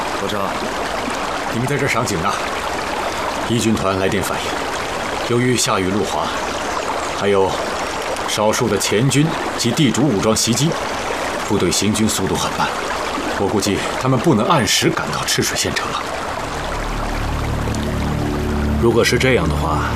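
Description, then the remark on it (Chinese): Steady rushing water of the Chishui River, the border river between Sichuan and Guizhou provinces, flows throughout, a continuous wash of sound with people talking over it at intervals. “伯承，你们在这儿赏景呢”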